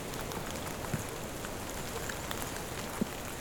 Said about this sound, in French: 18h. Petite pluie. L'orage approche. Je suis dans une majestueuse forêt de conifères.